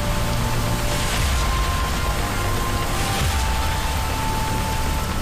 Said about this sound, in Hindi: ये महाराष्ट्र की राजधानी मुंबई का मरीन ड्राइव है। ये तस्वीरें बता रही हैं कि समुद्र की लहरों के साथ बारिश की बौछारें शहर को कैसे भिगोती रही।